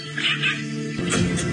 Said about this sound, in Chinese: 这是雀雉的声音。